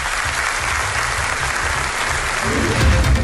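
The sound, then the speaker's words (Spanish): Steady, dense applause from a crowd in Ponferrada, León, Spain, welcoming Nevenka back to her town, a continuous wash of clapping hands that swells slightly louder toward the end, with no one speaking. “Hoy le han recibido con aplausos.”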